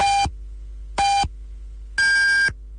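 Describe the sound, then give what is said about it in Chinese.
Three clear electronic beeps a second apart: two short lower tones, then a longer, higher final tone, the classic pattern of a radio time signal marking 14:30 Beijing time, loud over a faint hum. “北京时间14:30。”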